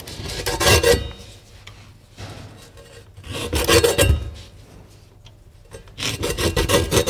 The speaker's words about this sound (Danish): Så det, du hører her, det er altså Den Store Kniv ved Kludmadammens Spor på Papirmuseet. Det var gårdagens lyd.